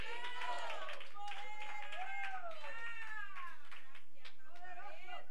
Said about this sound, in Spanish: Damos aplauso al Señor, que Dios es bueno. ¡A su nombre! ¡A su nombre!